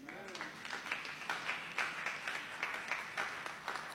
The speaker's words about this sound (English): and to those ladies that labor with us, our missionaries, and this our members who have been faithful down through the years, I think you owe yourself an applause.